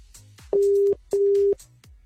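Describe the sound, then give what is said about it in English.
A phone line rings out on an outgoing call, a loud, steady double burst of ringback tone, two short pulses close together, heard clearly on its own with no talking. “You better answer your phone now or I'm moving on.”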